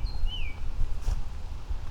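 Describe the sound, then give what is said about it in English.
A couple of thin, high bird chirps ring out briefly near the start, set against a steady low rumble of wind in the trees outdoors, heard while walking in direct sun at about 16 degrees, with no one talking. “We got birds.”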